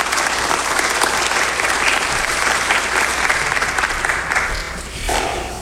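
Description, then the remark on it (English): An audience applauds steadily in praise to the Lord, a dense wash of many hands clapping together, holding strong before easing off briefly near the end. “And so I think that all deserves a round of applause, of praise to the Lord for what we're doing here.”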